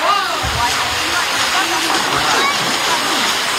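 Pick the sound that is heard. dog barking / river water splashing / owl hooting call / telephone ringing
river water splashing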